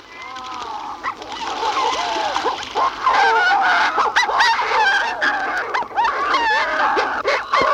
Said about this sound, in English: From the nesting burrow, the Manchia warbler call.